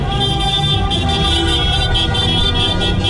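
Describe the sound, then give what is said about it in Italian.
Car horns honk continuously in a dense, loud chorus, overlapping blasts layered over the rumble of traffic in Piazza Grande, Locarno, Switzerland, celebrating Switzerland's 2-0 win over Algeria. “Riconosco la macchina.”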